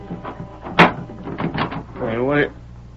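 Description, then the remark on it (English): A door is handled up close: a sharp latch-like clunk, then a drawn-out wavering creak as it swings, with faint background voices murmuring underneath. “Hey, what are you closing the door for?”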